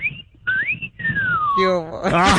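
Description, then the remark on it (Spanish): A person whistles a short run of clear, sliding notes, rising and then falling in pitch, fairly loud, before a voice breaks in loudly at the end. “Yo también silbo, me gusta silbar como usted, ¿cómo ve?”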